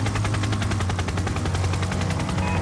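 A helicopter's rotor chops rapidly and steadily, loud, over a constant low engine drone. The helicopter has been sent out from the ship Xue Long to survey the sea ice for water channels. The rhythmic thudding runs unbroken throughout, with no voices.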